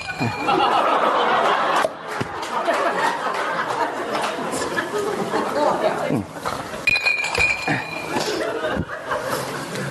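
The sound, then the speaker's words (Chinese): Wine cups clink together in a toast, with a bright ringing chime that sounds twice, once early and again later, over a busy background of chatter and chuckling laughter. “你慢点，你那别碰碎了，我这。”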